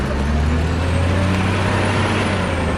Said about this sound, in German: Für Kreide braucht man nämlich einen ganz besonderen Stein. Calciumsulfat. Im Steinbruch wird der Stein mit einem Radlader auf einen Laster geladen.